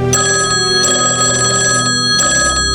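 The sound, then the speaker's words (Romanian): A telephone bell, evoking the red telephone hotline inaugurated in 1963 between the American and Soviet presidents, rings loudly and steadily, its bright metallic tone sustained throughout, with a few sharper strikes breaking in along the way. Nobody speaks. “În 1963 se inaugurează telefonul roșu, care duce la legătura telefonică directă dintre președinții american și sovietic.”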